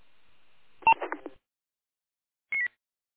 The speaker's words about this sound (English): Somebody's on the frequency and keying up, and that's about it. All I hear is the frequency tone.